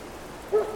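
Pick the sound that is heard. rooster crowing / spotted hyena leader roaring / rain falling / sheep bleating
rain falling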